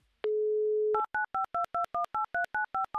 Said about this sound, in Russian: я набираю вам ваш номер телефона.